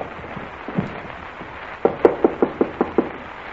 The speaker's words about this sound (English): If you say there's a light in the room, knock again. Probably fallen asleep. Give it a good bang.